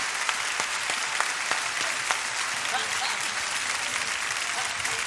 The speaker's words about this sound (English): Well, somebody clap to Jesus tonight.